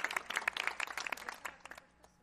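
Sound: applause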